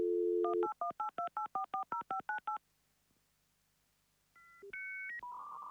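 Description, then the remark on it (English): A brief telephone dial tone gives way to a quick, even run of about ten keypad beeps, then a pause, a few rising electronic phone tones and a harsher buzzing tone. “So leave a message when you hear the dial tone.”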